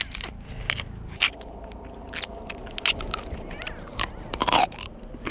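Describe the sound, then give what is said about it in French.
Crunching as someone bites into a leaf of a raw violet artichoke of Provence, eaten plain without oil, followed by a run of crisp, irregular chewing crackles and snaps over several seconds, with no talking. “C'est croquant, c'est sucré, il y a une légère amertume.”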